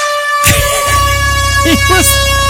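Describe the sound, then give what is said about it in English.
A loud, sustained air horn blast drones steadily through the whole moment, with voices briefly talking over it partway through. “You mean like an air horn thing?”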